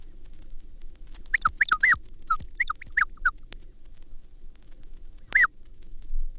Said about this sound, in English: Okay, so I'm gonna give this like a little bit longer, but right now it sounds like it's mostly bird noises.